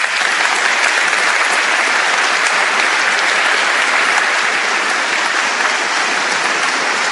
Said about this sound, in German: Und dessen Oberhirten dürfen wir jetzt erneut, aber zum ersten Mal hier auf der Bühne begrüßen. Ein großer Applaus bitte für den neuen Erzbischof, Exzellenz Josef Grünwedel.